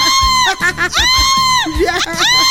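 A child screams during an earthquake in loud, high-pitched shrieks, several rising and falling cries in quick succession, piercing, with other voices and commotion underneath.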